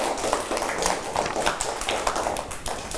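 A steady patter of applause from a school class, called for by the teacher for a classmate's artwork: many quick overlapping claps blending into a dense, even crackle that holds at a moderate level for the whole few seconds.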